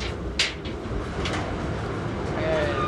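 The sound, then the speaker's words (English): A sharp latch-like clack as a Navy laundry's clothes dryer door opens, a dryer holding about 100 pounds of laundry, followed by a softer knock and a brief high squeak of the hinge, all over a steady low machinery rumble. “Right now I'm opening the dryer.”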